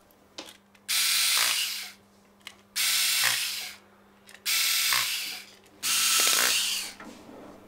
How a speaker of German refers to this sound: Und wenn wirklich alles in Ordnung ist mit dem guten alten Instrument, dann werden die Einzelteile wieder zusammengesetzt und verschraubt.